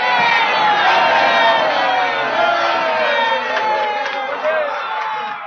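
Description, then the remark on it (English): A crowd of about 50,000 jammed into the square at Federal Hall for George Washington's oath of office on April 30, 1789, cheers and shouts continuously, a dense roar of many overlapping voices with whoops rising above it, loud throughout and easing only slightly toward the end. “A crowd of about 50,000 jammed the square to watch the proceedings.”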